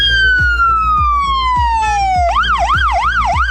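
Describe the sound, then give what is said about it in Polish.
A loud ambulance siren of the Kraków emergency medical service, Poland, sweeps down in one long falling tone, then switches to a fast rising-and-falling warble, with a steady low thumping pulse underneath and no one talking. “5 nowoczesnych ambulansów zasiliło flotę krakowskiego pogotowia ratunkowego.”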